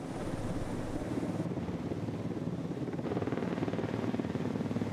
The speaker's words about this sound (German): Das erste der gusseisernen Turmteile ist auf dem Weg in den Hafen. Bis jetzt wussten sie nicht, wie schwer die Segmente sein werden. In den alten Zeichnungen war nichts zu finden. Ja, 3,3. 3,3 Tonnen. Damit kommt der Heli gut zurecht.